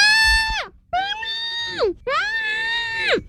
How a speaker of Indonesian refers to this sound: Ajar anak menjerit bila diganggu orang tak dikenali.